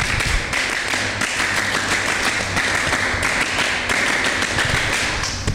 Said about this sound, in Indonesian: Dua kali tepuk pramuka.